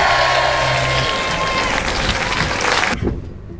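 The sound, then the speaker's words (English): An audience applauds for Kamal Prabhakar ji in a dense, steady burst of clapping that lasts about three seconds, then cuts off abruptly into near quiet. “And that is a big round of applause for none other than Kamal Prabhakar ji.”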